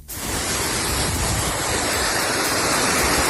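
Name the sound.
rushing river water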